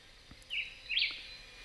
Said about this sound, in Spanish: Y en ese juego de agilidad sonora aparece en escena el vireo bigotudo, nombre científico Vireo altilocus. Es un pequeño pájaro de aspecto modesto que pasa fácilmente desapercibido a la vista, pero no al oído. Aquí está cantando de fondo.